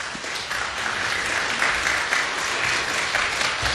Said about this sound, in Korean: 이 시간 선교사님 나오실 때 여러분 박수로 맞으시기 바랍니다.